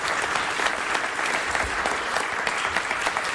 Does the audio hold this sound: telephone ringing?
no